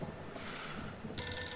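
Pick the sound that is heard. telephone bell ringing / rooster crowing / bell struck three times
telephone bell ringing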